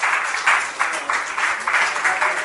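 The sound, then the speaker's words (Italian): At the close of a panel discussion, an audience applauds the speaker with dense, steady clapping that swells and eases in soft waves throughout, fairly loud and with no voices over it. “Allora, io farei un grande applauso a Picasso.”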